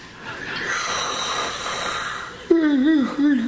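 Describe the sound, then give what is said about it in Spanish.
A voice imitates a long yawn: a drawn-out breathy inhale, then a wavering voiced sigh that rises and falls before trailing off, fairly loud. “Y cuando iba dando la vuelta así ya para la coronación, pues es que se aburre el bombisto y mete un bostezo de eso como de los de antes.”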